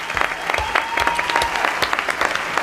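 Steady applause from a group, a dense patter of many hands clapping at a fairly even level throughout, with a faint high whistle-like tone running under it.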